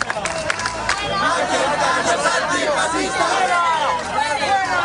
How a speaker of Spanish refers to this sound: Escuchan gritos de fuera, gritos de fascistas